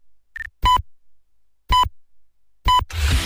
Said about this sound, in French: quatrième top, il sera 5 heures.